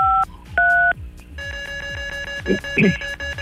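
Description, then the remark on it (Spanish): A number is dialed on a mobile phone: two short, clear keypad tones sound in quick succession, then a steady sustained electronic tone takes over, with a couple of brief voice-like bursts near the end. “listo para girar la ruleta marca 953 desde tu dispositivo móvil”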